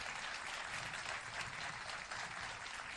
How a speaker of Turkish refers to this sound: Alkışlarınızla … diyoruz. …, evet, büyük alkışlar … ustamız için.